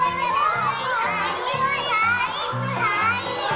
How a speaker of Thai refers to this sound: นี่เด็กๆไม่เสียงดังไม่เสียงดัง